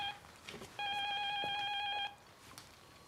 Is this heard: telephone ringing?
yes